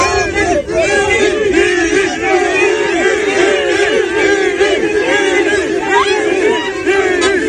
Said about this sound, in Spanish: Mucha gente gritando Vinicius y él sonriendo en la salida del Estadio Santiago Bernabéu.